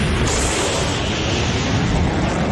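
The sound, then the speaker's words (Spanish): A sonic boom from a plane breaking the sound barrier: a loud, continuous rumbling roar that fills the whole moment without letting up, with no voices. “El avión rompiendo la barrera del sonido.”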